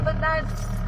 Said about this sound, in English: I drift away into the back seat as the car muffles out their words. But this is how I always hear them. They're speaking my family's dialect, Kamapangan, also known as breastfed language.